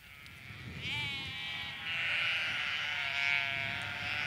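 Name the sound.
flock of sheep bleating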